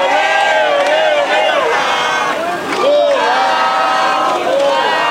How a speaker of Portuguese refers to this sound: petistas que aguardavam do lado de fora foram provocados por apoiadores do ex-presidente Jair Bolsonaro, não demorando muito para que a gritaria política tomasse conta do santuário.